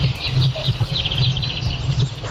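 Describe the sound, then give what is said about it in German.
Morning birdsong recorded on a phone on Rügen by an NDR 2 Popnacht listener, probably through a not-so-clean phone case in front of the microphone: several birds chirp and twitter continuously over a steady low hum and hiss, sounding muffled and a little noisy. “Hier ein bisschen Morgenvögel-Sound eingefangen”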